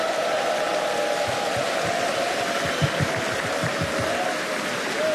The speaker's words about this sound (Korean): 대한민국의 문화사절단 그리고 하늘나라의 복음 전달자로서의 사명을 감당하고 있는 우리 어린이 합창단에게 다시 한번 큰 박수 보내주시기 바라겠습니다.